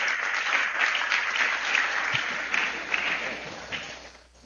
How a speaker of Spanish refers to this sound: Así que bendiciones y de nuevo un aplauso para ustedes y siéntase bien entre nosotros.